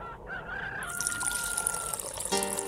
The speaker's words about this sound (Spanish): Levántate ya, hacer el trago de cafecito. El trabajo ya es duro, carajo. Pon a colar el café y sube el volumen.